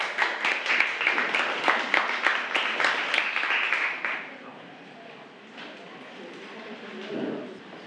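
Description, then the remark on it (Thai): Classroom applause: students clap, at the teacher's request, for the group 5 representatives about to present. A burst of many hands clapping in a dense, crackling patter for about four seconds, then fading out to a quiet murmur with a little background noise. “ครูจะให้นักเรียนกลุ่มที่5เป็นผู้นำเสนอใบกิจกรรมเรื่องรู้หลักชมสื่อให้ความบันเทิงค่ะค่ะขอเสียงปรบมือให้กับตัวแทนกลุ่มที่5ด้วยค่ะ”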